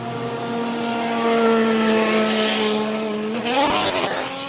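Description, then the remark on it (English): Race car engines, among them a Valkyrie, drone steadily as the cars go past in a pit lane, their loud buzzing tone holding level before one car revs up with a sharp rising whine near the end. No one speaks. “Sorry, I didn't want to talk over all those cars going past our Arjuna there on that driver database informed pit lane report, particularly when one of them was the Valkyrie.”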